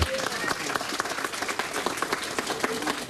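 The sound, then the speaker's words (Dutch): A crowd applauds steadily, dense overlapping hand claps forming a continuous rattling wash at moderate volume, with brief sharper claps standing out throughout. “Nou, geef ze een applaus hoor.”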